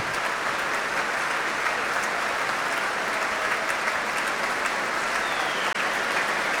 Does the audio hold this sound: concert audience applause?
yes